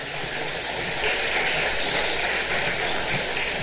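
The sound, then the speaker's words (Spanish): An audience applauds steadily throughout, a dense, even wash of many hands clapping with no pauses and no voices over it. “Dale un fuerte aplauso, hermano, hermano.”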